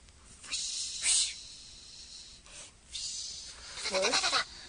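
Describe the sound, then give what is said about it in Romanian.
Several breathy, rustling swishes come in bursts as a wolf slides down a chimney, scraping and sliding, with a short goat-like bleat mixed in near the end. “Cred că lupul și-a dat drumul pe horn ca să ajungă în acest fel la noi.”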